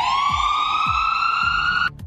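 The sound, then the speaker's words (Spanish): An ambulance siren wails loudly in one long, slowly rising tone, then cuts off abruptly near the end, with a low rumbling pulse underneath. “Sí, es una sirena de una patrulla, de una ambulancia. De una ambulancia, sí”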